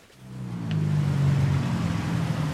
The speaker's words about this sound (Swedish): Bilar och små motorcyklar susar förbi på Bangkoks heta gator. Solen gassar. Det här är Chai Kwang, stadsdelen som kommit att kallas Bangkoks andra Chinatown.